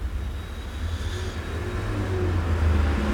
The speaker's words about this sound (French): Passe un camion Picardie Frites rue du Four, deux taxis, une voiture bleue, un taxi, une voiture bleue foncée. Encore un taxi.